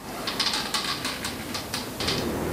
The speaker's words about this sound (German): Es ist ganz ruhig auf dem Dachboden, nur das Holz unter den Füßen knarrt.